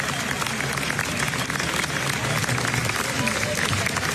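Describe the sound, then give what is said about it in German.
Sustained, loud applause from a large crowd at a film festival, a standing ovation for a film, with dense and continuous clapping, no break across the whole stretch, and a murmur of voices mixed in. “Wenn der Applaus nur noch ein paar Minuten länger dauert, dann kommt die FIFA und führt in der Mitte eine Trinkpause ein.”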